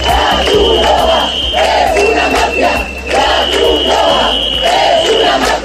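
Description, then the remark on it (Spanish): A crowd of protesters in Ceuta, blocking the distribution of food and hygiene kits to migrants at Trampolín beach, shouts loudly in rhythmic, repeated bursts of chanting, with a steady high-pitched whistle or alarm tone sounding continuously underneath. “Estos son los gritos vertidos por manifestantes en Ceuta que han impedido el reparto de alimentos y kits de higiene entre personas migrantes en la playa del Trampolín.”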